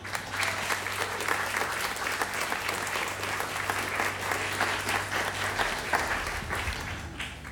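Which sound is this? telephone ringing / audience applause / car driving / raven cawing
audience applause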